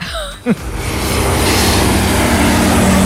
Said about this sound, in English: A flying instructor who took a plane out for a test spin whizzed around to spell out the words, "I'm bored."